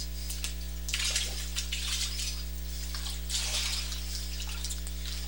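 Water sloshes and splashes in two soft bursts as a person steps into a baptismal pool for a baptism, over a steady low electrical hum, with no talking.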